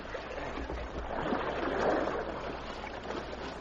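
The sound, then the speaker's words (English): A canoe glides through river water in a canyon, a steady rushing wash that swells briefly midway and then settles, with no voices. “They made the passage through the canyon safely, and then came a stretch of quiet water.”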